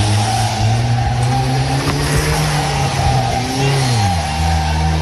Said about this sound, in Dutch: Hij ging er dus vandoor in zijn zwaar beschadigde auto.